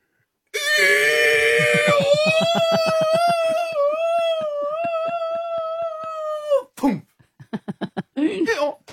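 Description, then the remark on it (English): A person vocally imitates a donkey falling out of a plane: one loud, drawn-out wailing bray with a rapid throbbing pulse, its pitch rising then holding for about six seconds, followed by several short, choppy vocal bursts. “Is it falling out of the plane or it's already, fallen?”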